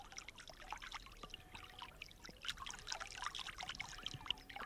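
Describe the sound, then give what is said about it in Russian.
The small Okervil River in Leningrad trickles and gurgles steadily over stones in a green grove, with a continuous bubbling, splashing texture and no voices. “В одном из таких оазисов мне и посчастливилось, наконец, услышать голос речки Окервиль.”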